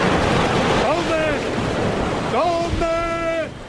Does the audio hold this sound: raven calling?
no